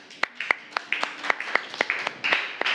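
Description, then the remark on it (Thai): A small group claps in a quick, fairly steady rhythm, sharp claps repeating about every quarter second, with faint overlapping voices or chatter in the background. Classmates applaud the second student group after its presentation in a classroom. “ปรบมือให้เพื่อนกลุ่ม2ค่ะ”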